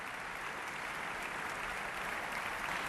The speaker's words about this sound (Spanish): Ludovic Morlot agradece los aplausos saludando desde el podio.